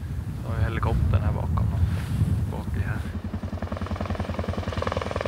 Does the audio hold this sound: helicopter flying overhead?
yes